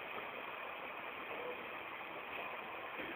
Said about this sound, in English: I think the resonance comes from the sudden noise of the train overhead, followed by the sudden silence after it leaves. It's 31st Street.